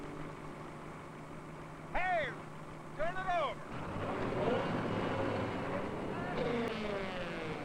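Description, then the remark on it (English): A steady engine of working equipment rumbles throughout, a low continuous drone like idling machinery, with a couple of short vocal sounds and then muffled voices layered over the hum. “You don't work on equipment when the engine's running.”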